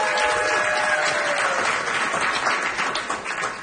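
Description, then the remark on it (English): Steady crowd applause, many hands clapping in a dense, continuous wash that holds for several seconds before easing slightly at the end, with a faint high whistle early on. “I do a lot of shows in small towns, and they don't clap when I say that.”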